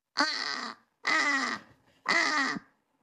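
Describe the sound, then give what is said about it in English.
Three loud, harsh, drawn-out caws, evenly spaced with short pauses, voiced by a person imitating a British crow. Each call is raspy and slightly descending, with no other talk. “let's hear the British crow then”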